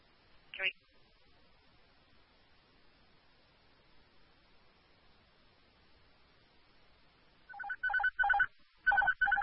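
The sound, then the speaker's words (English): A phone ringtone starts up near the end, a bright electronic melody in quick repeated bursts, fairly loud, after a brief chirp early on and a stretch of faint hiss. “That'll be mom.”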